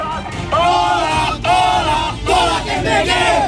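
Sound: protesting students shouting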